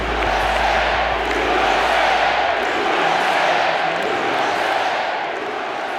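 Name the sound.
crowd cheering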